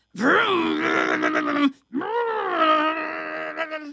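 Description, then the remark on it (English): A voice imitates a vacuum cleaner running: two long, droning, buzzy vocal tones with a short break between them, fairly loud, rising at the start and then holding steady. “I hear the vacuum.”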